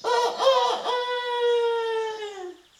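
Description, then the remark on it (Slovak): A rooster with a golden comb crows once in a forest, fairly loud: a few choppy notes, then a long sustained, slightly mournful call that sags in pitch before trailing off. “Teba asi niečo trápi, keď tak smutne kikiríkaš.”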